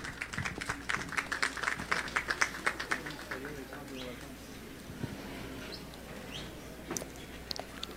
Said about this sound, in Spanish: Fuerte los aplausos.